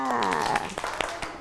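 Children clap in a loose, uneven scatter of sharp slaps, about five of them spread across a second, following a brief high-pitched voice at the start.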